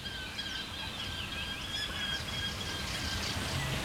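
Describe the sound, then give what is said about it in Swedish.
A Eurasian hobby gives a run of thin, high squealing calls over a steady, soft rushing background, with other faint bird notes mixed in; no one speaks. “Lärkfalken håller låda här från tåken.”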